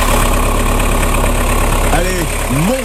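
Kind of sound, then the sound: vehicle, car engine idling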